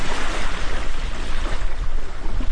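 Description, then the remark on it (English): A boat runs up onto the shore of a little spit of land on the coastal plain of the refuge, in polar bear country, through rushing surf, a loud, steady wash of water and wind noise filling the whole moment with no voices. “tells us to hop out while he secures the boat.”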